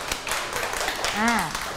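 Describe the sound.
A short burst of children clapping their hands, a quick, uneven patter of claps, with a high voice briefly sounding over the end.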